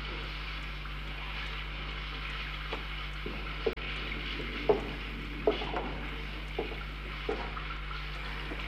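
Steady rain hisses evenly, with scattered louder drips and taps landing now and then, over a constant low electrical hum.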